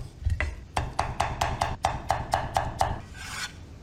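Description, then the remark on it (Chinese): A knife steadily dices a few slices of pickled radish into small bits on a cutting board, about a dozen quick, evenly spaced strikes, ending with a short scraping sweep across the board. “准备酸萝卜几片，切成颗粒备用。”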